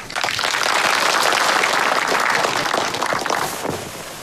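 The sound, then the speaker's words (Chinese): Sustained audience applause from many hands, a dense, steady crackle of clapping that holds strong for about four seconds before easing off at the end, with no voices over it. The audience welcomes Political Commissar Deng, who is about to speak on the three-thirds system. “今天啊，我们请邓政委给大家讲一下三三制，大家掌声欢迎。”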